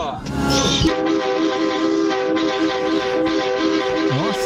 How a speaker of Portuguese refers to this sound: Feia, velho. Buzina feia, hein?